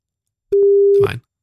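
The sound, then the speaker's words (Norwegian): A single steady telephone ringing tone sounds clearly for about half a second, then cuts off into a short, rough burst of noise, as if the line connects. “Da ringer vi nummer to.”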